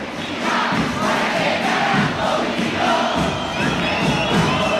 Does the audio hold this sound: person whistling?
no